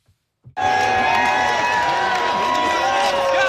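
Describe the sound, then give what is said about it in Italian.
After a brief silence, United States football fans in a bar in San Diego, California break into loud, sustained cheering and shouting, a dense roar of many voices that holds steady to the end with some sharper whoops on top. “ci fa allora entrare in parte nel tifo a stelle e strisce.”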